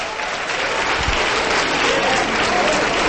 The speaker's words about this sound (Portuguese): Vamos aplaudir, vamos aplaudir. Aplaude. Aplaude. Porque aconteceu o maior milagre da terra.